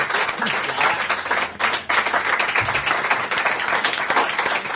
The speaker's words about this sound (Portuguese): Gracias. Un aplauso para eles, por favor. Gracias.